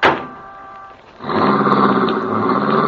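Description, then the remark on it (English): A car engine starts with a brief whine, then surges into a loud, steady roar as the vehicle pulls away, with no voices. “Keep driving, boy! Head for the border!”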